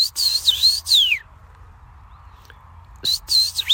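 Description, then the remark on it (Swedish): A person whistles an imitation of a common rosefinch call to test a bird-identification app, which identifies it as a common rosefinch: clear, slurred high notes in a short phrase, then a quiet pause, then another whistled phrase, fairly loud. “Common rosefinch.”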